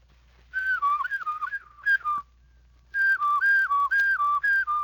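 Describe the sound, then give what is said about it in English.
A person demonstrates a practiced whistle: a clear, steady tone that steps up and down in a short melodic phrase, pauses briefly, then another phrase, fairly loud with no talking. “Do it slowly, and then add your whistle. In a short while, if you practice daily, your whistle will sound more like this.”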